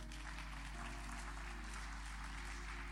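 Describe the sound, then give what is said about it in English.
A crowd applauds steadily for Jesus, many hands clapping in a dense, continuous wash of sound, with a low steady hum underneath and no voices. “Clap for Jesus.”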